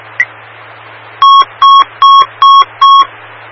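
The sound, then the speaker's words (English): After a brief click, five short, evenly spaced electronic beeps, the radio dispatch recall alert tones issued by a dispatcher, sound loudly in a steady rhythm over a faint background of radio hiss. “I will issue the recall and then try to call the phone.”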